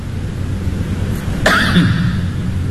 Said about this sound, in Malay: Batuk tu.